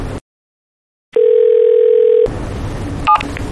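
A single steady, loud ringback tone from an outgoing phone call, placed by staff to a manager's phone, sounds for about a second after a brief silence, then gives way to a noisy background.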